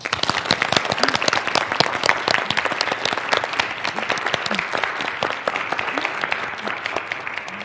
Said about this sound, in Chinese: 同学们，让我们再次呀用掌声感谢罗老师给我们带来今天这堂精彩生动的一堂好课。